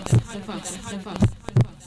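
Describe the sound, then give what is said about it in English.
A deep, booming heartbeat sound effect in a Liqwa FM radio station jingle thumps three times, loud, with one beat early and a pair near the end over a faint, murmuring background. “This is Liqwa FM, the heartbeat of the vow.”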